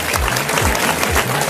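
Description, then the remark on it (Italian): Steady audience applause, dense and continuous clapping from a crowd, fairly loud throughout the short burst. “Facciamo un applauso”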